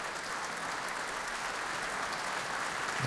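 A concert audience applauds steadily at a curtain call as the soloist and conductor come out again and the orchestra joins in, a dense, even wash of clapping with no pauses, holding at a moderate level from start to finish.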